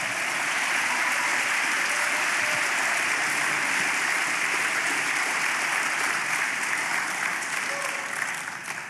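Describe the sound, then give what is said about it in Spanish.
Sustained applause from a crowd during a religious sermon, a dense, steady wash of clapping that holds at an even, fairly loud level for the whole stretch, tapering slightly at the very end. “Aplauda por eso, ¿verdad?”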